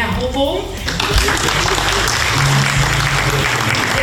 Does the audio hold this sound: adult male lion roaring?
no